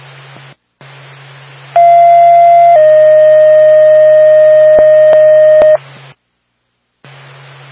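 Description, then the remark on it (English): Two-tone sequential fire department dispatch paging, the Woodstock Fire Department's second tone for a mutual aid call to a multiple-alarm brush fire, over a hissy radio channel: a loud steady tone for about a second, then a slightly lower one held for three seconds, with a few clicks and a low hum. “Let's say Woodstock Fire Department, second tone.”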